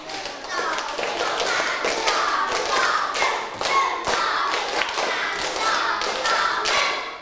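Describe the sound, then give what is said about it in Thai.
A group of students clap their hands together in a steady, patterned step rhythm, one round on their teacher's call, with the sharp claps continuing for several seconds. Some faint voices can be heard underneath. “พอไม่พร้อมกันเลยแสดงว่านักเรียนไม่มีสติไม่มีสมาธิแล้วนั่นเองนะคะอ่ะพร้อมปรบมือเป็นสเต็ป1รอบ”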